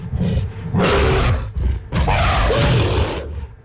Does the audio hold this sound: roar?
yes